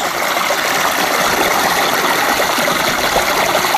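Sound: water gushing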